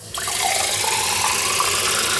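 A kitchen tap is turned on and water gushes out in a steady, loud stream, running without pause for a couple of seconds with no voices.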